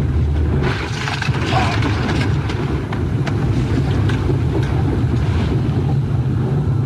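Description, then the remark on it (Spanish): A loud, continuous roar of rushing floodwater carrying away a man in a white utility van, churning and turbulent, with heavy low rumble and constant spray-like hiss, unbroken for the whole stretch. “Lo que podemos ver es cómo el agua va llevándolo con su camioneta de color blanco, solamente para reiterar cómo la fuerza con la que bajó el agua en esa zona.”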